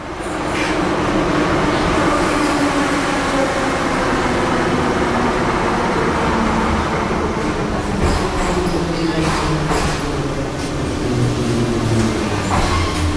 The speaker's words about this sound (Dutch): Dit is het metrostation. Heroïv Dnipra. Zo'n enorme flatwijk aan de noordrand van de stad.